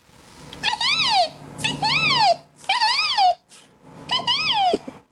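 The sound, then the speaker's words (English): A boy's voice imitates a resplendent quetzal's call: four evenly spaced, loud, wailing hoots, each about a second long, rising and then sliding down in pitch, with short pauses between. “It's my favourite bird, the resplendent quetzal. And what sound does this one make?”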